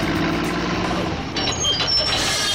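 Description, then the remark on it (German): A truck engine rumbles steadily while high-pitched reversing beeps sound intermittently in the second half, over a dense wash of construction-site noise. “Und jetzt geht's erstmal auf die Baustelle.”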